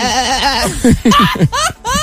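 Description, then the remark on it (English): A person imitates a sheep's bleat with a quavering, wobbly voice, followed by a few short bursts of laughter. “Yeah, that sounds like a sheep.”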